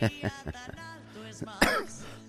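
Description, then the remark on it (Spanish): A few short coughs and a throat clearing from a person with a lingering cough and a sore throat, in quick bursts with brief pauses, followed by a rougher, louder rasp near the end; no words are spoken. “Bueno, todavía tengo un poquito de tos, pero ya es mucho menos, ya estamos ya.”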